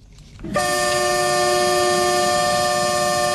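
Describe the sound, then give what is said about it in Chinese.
A train horn blares loud in one long, steady blast after a brief low rumble, holding its sustained multi-tone chord over the rolling noise of a Zhejiang freight train loaded with daily goods, auto parts and machinery at Yiwu West railway station. “在义乌铁路西站，一列满载日用百货、汽车配件、机械设备等货物的浙江”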